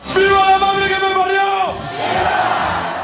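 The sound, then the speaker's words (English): A huge crowd in Spain roars, welcoming home the World Cup winners, opening with a loud, sustained collective shout that holds for over a second, then breaks into a dense, continuous wash of cheering. “Huge crowds in Spain welcome home their World Cup winners, while the losers, Argentina, face an investigation.”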